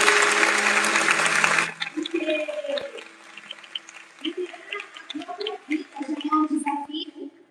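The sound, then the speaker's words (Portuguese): A loud, dense burst of applause for Pastor Érica in a church fills the first second and a half, then cuts off abruptly as a man begins speaking over a quieter background. “Mas antes eu quero pedir uma salva de palmas para a pastora Érica. Palmas para ela, gente!”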